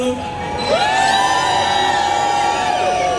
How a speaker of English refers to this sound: Can someone please scream? I cannot hear you.